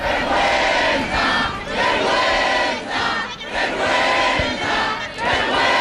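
A large protest crowd returning to the Puerta del Sol after a vote by deputies shouts "vergüenza" in loud, rhythmic bursts, a dense roar of many voices rising and falling in repeated chanted waves with brief dips between them.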